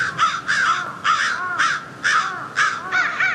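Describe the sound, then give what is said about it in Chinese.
Crows caw loudly and harshly in alarm after discovering a dead crow on the ground, about seven raspy calls in a quick, agitated series with brief gaps between them, overlapping slightly as more than one bird joins in. “几分钟后，乌鸦发现了地上的尸体，现场顿时混乱起来。”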